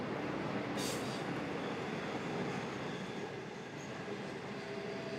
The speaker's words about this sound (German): Inzwischen ist es Nacht geworden. Der Zug rast durch die Dunkelheit seinem ersten fahrplanmäßigen Halt entgegen.